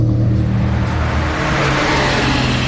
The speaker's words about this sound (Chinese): 董杰的汽车急速驶过黑夜的街道，向蓝青家飞奔而来。